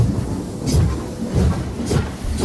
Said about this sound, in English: The train now departing from HFM is the Mole Train. You can hop on board again tomorrow from 1 p.m.